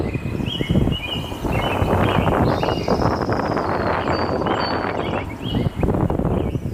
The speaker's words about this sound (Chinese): 他们提醒队员，下午山上就要开始刮大风了，一定要注意安全。队员们也观察到，大象岭山顶已经开始慢慢聚拢起团团云雾，风势渐强，大家加快了登顶的脚步。